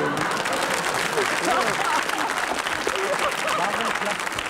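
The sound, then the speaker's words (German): A studio audience at a talk show applauds steadily throughout, a dense, continuous wash of clapping with faint voices mixed into the crowd noise. “Das Publikum solidarisiert sich sofort mit den Gästen.”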